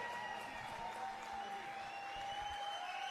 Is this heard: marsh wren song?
no